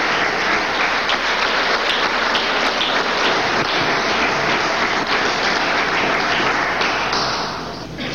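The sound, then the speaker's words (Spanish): A crowd applauds in a dense, steady wash of clapping that holds loud for several seconds before tapering off slightly at the end, with no voices standing out; the applause thanks the Italian Republic's rescue team for its work in the country after the 24 June earthquakes. “Allí el agradecimiento, el aplauso por esta labor que han hecho en nuestro país y que será también reconocido por años.”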